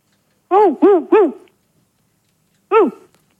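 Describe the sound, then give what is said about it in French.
A dog barks three times in quick succession, then once more after a short pause, heard over a telephone line. The barks are loud and tonal, with nothing else in the background. “Je crois qu'ils ont un chien, dis-moi.”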